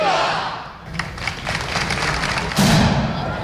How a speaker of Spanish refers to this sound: El cañonazo ha vuelto a retumbar frente al arco de San Bernabé después de que esta tradición regresara el año pasado tras casi una década de ausencia.